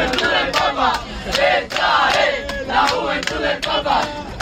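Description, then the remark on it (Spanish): A crowd of fans in burgundy caps chants loudly and continuously together inside a bus full of backpacks on a long road trip, many voices rising and falling in a rhythmic, sing-song chant with shouted accents and no pauses, new chants starting every minute or two. “Bueno, así estamos cada minuto, 2 minutos, surge algún cántico nuevo.”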